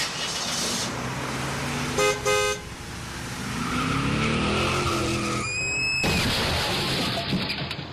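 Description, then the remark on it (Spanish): A car engine runs under a couple of short horn honks, then tires let out a sharp, rising screech that ends abruptly in a loud crash, followed by noisy rumbling. “¡Mira lo que le hiciste al carro! Pero bueno, señor, la culpa es suya. Usted se atravesó.”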